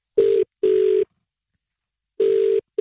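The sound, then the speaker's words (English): A phone call to colleagues rings out with a steady mid-pitched electronic tone in a double pulse, a pause, then another double ring beginning, the classic ringback heard while a call connects. No voices. “As we call your colleagues”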